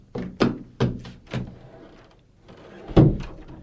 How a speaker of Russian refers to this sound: Мама, мама, кто-то стучит в дверь. Я слышу, детка.